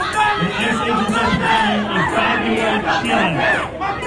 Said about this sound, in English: They're chanting, Mom Donnie was complicit.